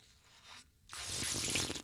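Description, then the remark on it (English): A wet slurping and sucking noise made by a person's mouth, demonstrating the sounds of eating or drinking: a soft smacky start, a brief pause, then a loud hissy slurp drawn out for about a second. “any sort of slurping or sucking sounds while you're eating or drinking? Let me demonstrate.”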